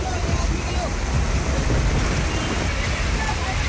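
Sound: heavy rain falling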